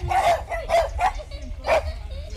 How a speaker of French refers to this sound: Des chiens.